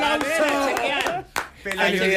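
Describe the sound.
A handful of sharp hand claps ring out over excited, overlapping voices, with a brief dip to quiet near the middle before the chatter and clapping pick up again.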